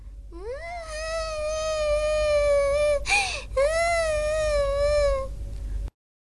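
A kitten meows in two long, drawn-out wails, the first ending with a brief rising squeak before the second begins, loud with no talking.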